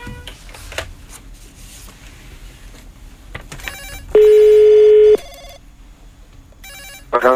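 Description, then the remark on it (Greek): A telephone rings out on a call being placed: one steady ring tone of about a second in the middle, with a brief start of another at the end and quiet background noise between. “Χτυπάει, έλα, χτυπάει, δώσε.”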